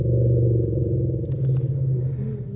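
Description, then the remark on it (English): Deep, continuous rumbles from African elephants, loud and sustained, with several low droning tones overlapping like a chorus and holding steady for the whole stretch, with no talking. “The BBC science correspondent Victoria Gill has been listening and trying to understand choruses of African elephant rumbles.”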